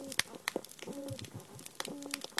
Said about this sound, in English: It sounds like frying bacon. It's actually snapping shrimp, and it's the dominant sound on those oyster reefs.